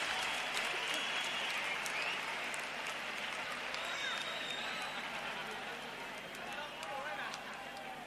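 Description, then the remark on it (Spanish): Sustained audience applause for a singer fills the scene, a dense, steady wash of many hands clapping, holding at a fairly even level for several seconds before easing slightly. “un gran aplauso”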